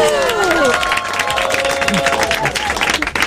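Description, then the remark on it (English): An audience in the Kiss 92 radio studio breaks into loud, sustained applause, dense steady clapping with several voices cheering and whooping over it, their calls gliding up and down. “A big round of applause.”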